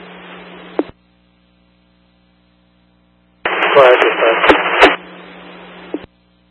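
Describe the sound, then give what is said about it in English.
Hissing two-way radio static from a portable radio unit in two bursts separated by silence, each ending in a squelch click; the longer second burst carries a muffled, garbled voice buried in the noise. “Portable two, you're all static in your beep.”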